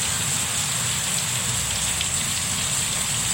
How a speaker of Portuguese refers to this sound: Bom dia, Pindoretama, um toró d'água. Pindoretama. Tô ouvindo a zoada, né? Tô. É chuva muito, velho. Tem uma goteira aí, ó.